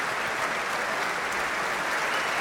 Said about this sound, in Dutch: Applaus ook voor haar.